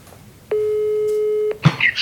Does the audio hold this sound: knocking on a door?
no